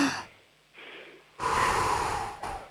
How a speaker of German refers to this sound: Wir atmen nochmal gemeinsam durch, einatmen und ausatmen.